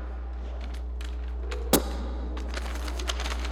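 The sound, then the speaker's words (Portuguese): A sheet of paper is shaken, giving scattered rustling bursts, one sharp snap partway through, then a run of quick crackling flutters. No one speaks. “Se eu pedisse: Sabrina, chacoalhe a folha, chacoalhe a”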